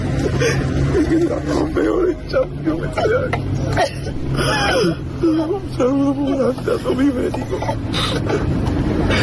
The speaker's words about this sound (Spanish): Roto absolutamente, …, con esas lágrimas y llorando, vamos, y desconsoladamente el chaval